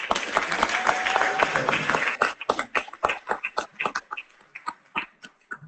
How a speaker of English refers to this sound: Thank you. Keep the applause going as we invite our religious to come.